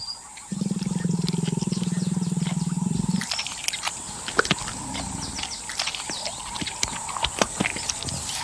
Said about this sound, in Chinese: 他听着马赫里在树上咀嚼和吞咽的声音，期待着能掉下来一些碎肉或是渣子。